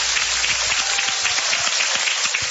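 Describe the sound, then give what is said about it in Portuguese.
A crowd applauding steadily during a church service at the Igreja Deus Amor, dense overlapping claps forming a continuous loud wash with no pauses and no one speaking over it. “Eu agradeço a oportunidade, as palmas, louvo o Senhor Jesus.”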